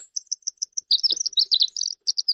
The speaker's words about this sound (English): This is a bird called the winter wren. It may have been called this because its song heralds the end of the winter. In fact, they often sing when there's snow falling, when there's snow all over the ground.